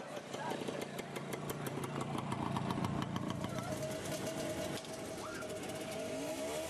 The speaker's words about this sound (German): Draußen knatterten derweil Motoren.